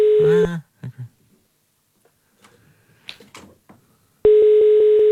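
Mobile phone call tones as someone calls another person's mobile: a short electronic beep, a few quiet taps and clicks, then a loud, steady ringing tone that pulses gently and holds through the end.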